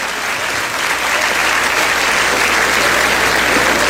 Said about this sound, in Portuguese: Palmas para Jesus.